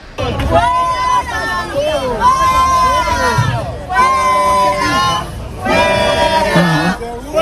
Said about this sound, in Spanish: Trataba de un señor de unos 70 años que portaba un teléfono móvil con el que iba grabando, y en la funda tenía una bandera carlista, y eso lo ha llevado a ser increpado por un gran número de manifestantes que se han agolpado